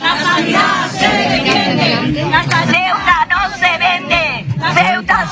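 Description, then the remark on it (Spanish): Protest shouting from a crowd of health workers in white coats and patients with banners at the doors of the Hospital Universitario de Ceuta in the morning: many raised voices overlap in a loud, continuous din, with rhythmic bursts of chanting rising above the steady babble throughout. “Bata blanca, pancarta y gritos de protesta esta mañana a las puertas del Hospital Universitario de Ceuta.”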